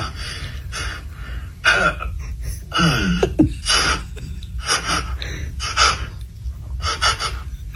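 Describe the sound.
A person makes a string of horse-like vocal noises: breathy snorts and sharp gasps in uneven bursts, with a brief wavering, falling whinny partway through, fairly loud and without any speech.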